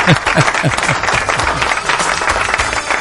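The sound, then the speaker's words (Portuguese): A crowd applauds loudly and steadily, many hands clapping in a dense, continuous wash of sound, with a few individual claps standing out rhythmically. “Eita, é tanto aplauso aí.”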